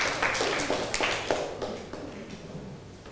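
classroom applause

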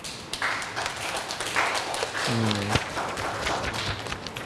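classroom applause

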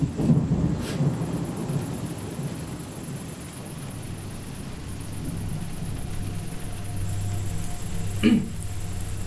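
rain with thunder

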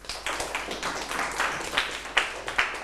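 classroom clapping

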